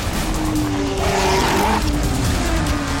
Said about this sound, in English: Or better yet, like motorcycles and souped-up stunt cars buzzing everywhere around you.